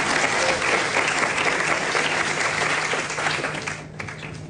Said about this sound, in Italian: Allora, ringrazio il già avvocato con cui spesso abbiamo rapporti, il ministro delle imprese del Made in Italy, Adolfo Urso, che chiamo sul palco, se mi fate un applauso per cortesia, grazie.